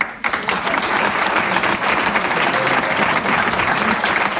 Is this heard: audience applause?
yes